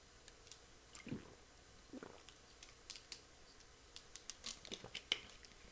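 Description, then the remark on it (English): Someone takes a quick sip of a drink: soft, wet slurping and swallowing sounds with small scattered clicks over a few quiet seconds, with no talking. “I need to take a quick sip here.”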